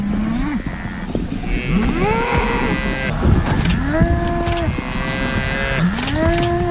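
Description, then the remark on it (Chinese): African buffalo bellow again and again, several low, drawn-out calls that rise in pitch and overlap one another over a steady, noisy background, with no talking, as the buffalo keep butting a lioness and toss her into the air. “非洲水牛还在不停地顶它，快看！”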